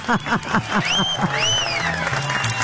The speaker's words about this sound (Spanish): Tú muy bien. Tú, aplauso para Hugo.